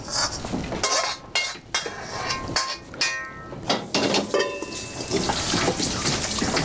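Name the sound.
tap water running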